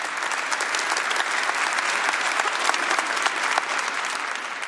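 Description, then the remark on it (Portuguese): An audience applauds the scripture reading loudly, a dense, steady wash of many hands clapping with sharp individual claps popping out, sustained at full strength throughout with no talking. “Beija a sua Bíblia, aplaude bem forte a palavra. Mais forte.”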